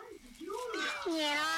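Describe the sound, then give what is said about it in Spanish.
A cat meows twice: a rising-and-falling cry, then a longer, steadier, louder mewl that trails off at the end. “Ah, no, un gato se fue.”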